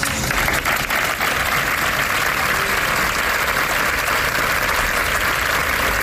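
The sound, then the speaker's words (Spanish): Sustained applause closing a gathering held outdoors at the gates of the San Juan de Dios care centre in Málaga to condemn a killing, a steady wash of many hands clapping at an even loudness throughout, with no voices standing out. “Con este aplauso concluye esa concentración, a la que ha asistido, por cierto, el subdelegado del Gobierno en la provincia junto a otras autoridades.”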